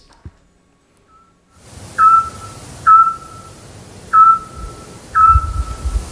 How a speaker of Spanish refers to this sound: ¡Hombre, el autillo! Ah, muy bien, muy bien. Hemos hablado mucho de él en este programa. Claro, el pájaro submarino, ¿verdad? El que emite ese sonar tan característico. Eso es todo lo que se escuchaba en el centro de Peñaranda de Duero